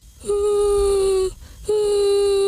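A child sobs and cries in two long, drawn-out wails separated by a brief catch of breath, loud and close, with no talking.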